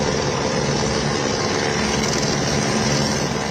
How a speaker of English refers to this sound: Rescuers arrive by helicopter at the Chilime hydropower station.